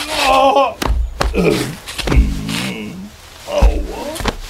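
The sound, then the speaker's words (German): Several heavy thuds land at irregular intervals as people slip and fall on black ice that formed overnight outside a door, mixed with loud strained vocal cries and groans. “Oh nein, jetzt bist du auch hingefallen.”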